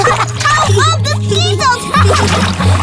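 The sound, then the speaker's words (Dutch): Water splashes and sloshes in a bath as Woezel and Pip play and make cannonball splashes, a lively, continuous splashing with bright chirpy tones and a steady low hum mixed in underneath. “Woezel en Pip hebben in ieder geval de grootste lol in bad.”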